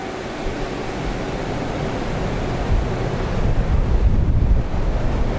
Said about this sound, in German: In so einem Windkanal ist ein riesiger Ventilator angebracht, der bis zur Decke reicht und Luft ansaugt.